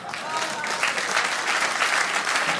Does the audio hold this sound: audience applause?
yes